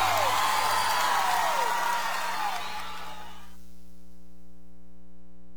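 A crowd applauds and cheers with rising whistles and whoops for about three seconds, then the noise cuts away, leaving a steady low electrical hum.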